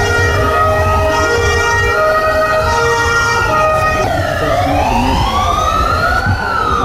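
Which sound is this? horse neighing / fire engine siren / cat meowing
fire engine siren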